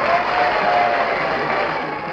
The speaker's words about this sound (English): Behind her, she could hear the shouts and cheers that greeted Sarah Bernhardt.